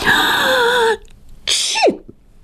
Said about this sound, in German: Petronella muss niesen.